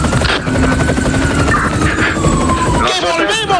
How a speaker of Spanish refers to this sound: Volvemos a la unidad móvil aérea que está descendiendo